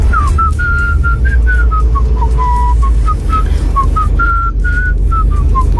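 Someone whistles a catchy pop melody, a string of short, bright notes rising and falling in a steady tune, heard up close over a constant low rumble like a car interior.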